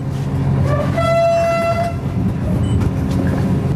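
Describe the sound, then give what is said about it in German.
A three-carriage passenger express train, number 889, rumbles along steadily after leaving Vilnius main station in Lithuania shortly before seven in the morning, its deep, continuous rolling noise filling the scene, while a high whistle-like horn tone sounds briefly and a few squeals ring out above the din. “Schnellzug Nummer 889 hat den Hauptbahnhof Vilnius in Litauen pünktlich um kurz vor sieben verlassen.”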